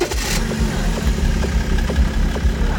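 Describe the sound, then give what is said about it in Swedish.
An A-tractor (EPA car) engine idles with a steady low rumble and regular throbbing pulses, loud and continuous, with a brief burst of hiss at the very start. “Och allt fler A-traktorer rullar på svenska vägar.”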